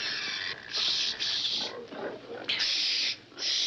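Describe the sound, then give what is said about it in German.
A pig being held squeals loudly in shrill bursts, broken by lower grunting snorts in between, agitated, with a voice murmuring faintly underneath. “Dem Schwein anziehen.”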